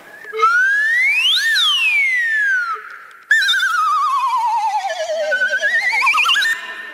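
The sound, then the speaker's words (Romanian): A slide whistle glides up and down in smooth sweeping pitch bends, then after a brief break plays a wavering descending and rising run, loud with no talking. “Acesta se numește fluier glissando.”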